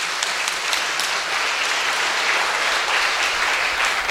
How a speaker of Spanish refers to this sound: Todos damos un aplauso de acogida a nuestro nuevo bautizado.